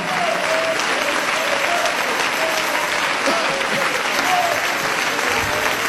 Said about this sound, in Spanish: Ponte de pie y dale ese aplauso de alabanza a Jesús. Ponte de pie y dale ese aplauso de alabanza al Cristo de la gloria.